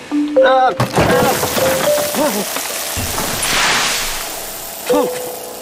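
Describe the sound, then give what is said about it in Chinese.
A steady clatter and crackle of crumbling debris as a wall is smashed in a rented house, with rubble pouring down, runs throughout while voices shout and call out over it. “不行了，上面感觉要塌下来了！”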